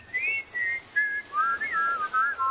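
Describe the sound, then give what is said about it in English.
A clear, tuneful whistled melody of several short phrases, rising and falling in pitch, moderately loud, with no talking. “They're whistling for cheetahs.”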